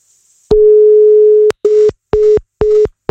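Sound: phone call not connecting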